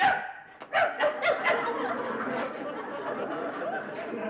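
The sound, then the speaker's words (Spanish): A person imitates a dog with a quick run of four or five yappy barks, fairly loud, followed by steady background chatter from several voices. “Hasta de perro eres feo.”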